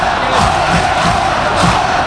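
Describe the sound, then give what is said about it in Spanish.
A football stadium crowd of Leganés fans at Butarque roars continuously, celebrating a corner, a loud, dense wall of cheering and shouting that swells slightly in waves without pause. “Tremendo el sonido de Butarque, el rugido de los 11 leones.”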